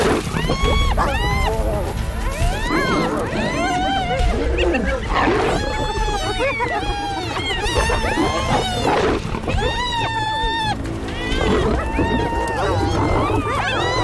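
A loud, chaotic fight between a lion and a large pack of hunting dogs trying to wear the lion out: constant high yelps and whines overlap with deep growls and snarls, unbroken throughout.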